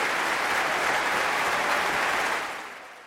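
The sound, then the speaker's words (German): A large concert audience in the Berliner Philharmonie applauding violinist Christian Tetzlaff after his 2022 performance with the Deutsches Symphonie-Orchester, a dense steady wash of clapping that holds strong and then begins to fade toward the end, with no clear voices standing out. “Aber der Teil mit dem Bejubeln, tja, das hat er ja nicht so ganz in der Hand.”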